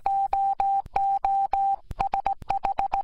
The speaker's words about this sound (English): you know that the first use of radio was to send Morse code? To celebrate that, here's a message in Morse code.